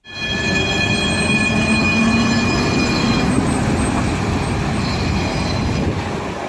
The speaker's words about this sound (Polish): Tak brzmiał początek symbolicznej ostatniej podróży tramwaju linii 46 przed zawieszeniem. 4 lutego 2018 roku przejazdy tramwajami 45 z Łodzi do Zgierza i 46 z Łodzi do Ozorkowa zostały zawieszone.